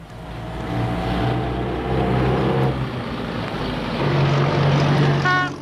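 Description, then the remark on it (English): A loud, old, high-mileage jalopy car engine drones steadily, then falters and sputters unevenly partway through as it gives out and breaks down in the bush, with a brief squeal near the end. “And then, out of nowhere, yeah, your trusty million-miler jalopy gives up the ghost, leaving you and your family stranded in your weekend kaputs.”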